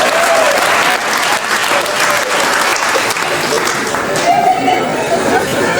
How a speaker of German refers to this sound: Was gibt's denn da zu klatschen?